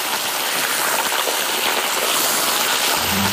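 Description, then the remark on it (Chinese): A whole fish and sliced pork skin, curling as it hits the oil, sizzle in hot wok oil with star anise and ginger slices, a loud, continuous, bright hiss with crackle throughout, no voices, and a faint low rumble joining in at the very end. “这个猪皮一下锅就打卷了。 鱼 直接放，一步都不能慢啊。”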